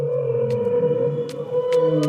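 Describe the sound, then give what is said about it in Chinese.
Whale song played as music to help someone sleep: long, low, moaning tones that slowly bend in pitch, layered and steady throughout, with a few brief soft hissy pops scattered over the top. “哦，这个鲸鱼的声音不错。”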